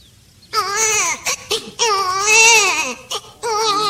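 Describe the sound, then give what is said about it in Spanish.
A baby wails loudly in long, strained bursts with brief gasping breaks between them, the cries rising and falling in pitch, with no other voices. “Ve, parece que estoy escuchando un moro allá que llora.”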